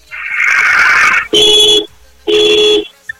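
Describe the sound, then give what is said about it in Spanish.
A loud stretch of broad, hissing noise gives way to two steady car horn honks, each about half a second long, separated by a short gap, sounded on request by an Uber driver in the Polanco area. “Ok, estupendo, hermano, regálame por favor 5 bocinazos medianos ahora.”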